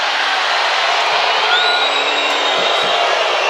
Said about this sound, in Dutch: Scheidsrechter fluit hier een fout in het voordeel van Spanje. Is het Belgische publiek het niet mee eens?